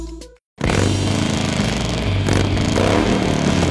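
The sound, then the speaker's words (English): A short tone gives way to a brief silence, then a loud motorcycle engine roars to life and rumbles steadily, its pitch rising and falling slightly as it revs, with no voices. “At Harley-Davidson and Xenia, we believe riding is more than just motorcycles.”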